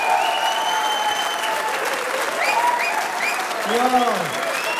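Sustained audience applause for a performing group after their act, with dense, steady clapping filling the whole stretch, joined by a few cheers and whoops rising above the noise.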